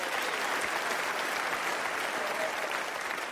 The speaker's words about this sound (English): Clap for the spick.